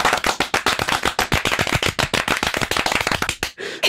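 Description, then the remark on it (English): Dense, layered hand clapping like studio applause, with many sharp claps overlapping in a fast, steady stream, loud, then cutting off abruptly near the end. The clapping is recorded and layered over itself to build the sound of a full studio audience. “What if we clap with the clap?”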